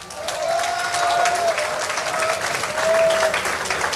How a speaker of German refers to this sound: Einen kräftigen Applaus einmal